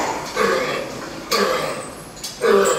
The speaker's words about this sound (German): Tiefsitzenden, nicht produktiven Husten. Der keucht richtig. Man sieht, wie er sich anstrengen muss, die Flanken zusammenpresst, um abzuhusten.